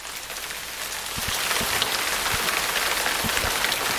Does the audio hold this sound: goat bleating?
no